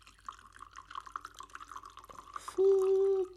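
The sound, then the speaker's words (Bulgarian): A drink, about 80 grams, is topped up into a glass in a steady, bubbly trickle for a couple of seconds, followed by a short, loud, steady tone near the end. “Чакай, досипем, защото нещо гледам, пукната чаша ли е, какво е, не знам.”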